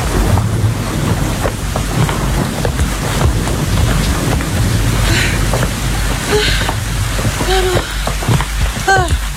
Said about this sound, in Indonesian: Gawat, hujannya semakin deras. Bisa-bisa basah kuyup kita, guys.